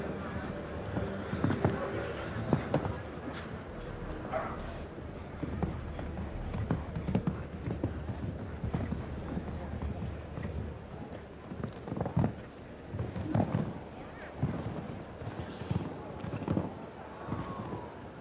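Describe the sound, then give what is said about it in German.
Steady clip-clop of a ridden, somewhat jittery horse's hooves moving along at a lively pace on a riding course, with a commentator-style voice talking over the rhythmic hoofbeats throughout. “So, dieses Pferd ist ein bisschen hibbelig, hat er mir noch vorhin gesagt.”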